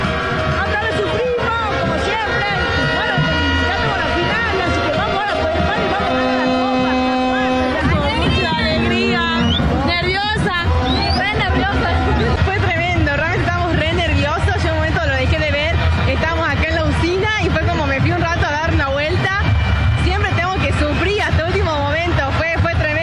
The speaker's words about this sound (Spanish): Se escucha a vos con los efectos del grito de los goles. Acá vienen. Estos son los hinchas. ¡Espectacular!